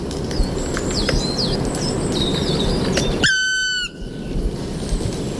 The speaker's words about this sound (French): Le registre vocal du pic noir est varié, mais les randonneurs de montagne apprennent vite à le reconnaître.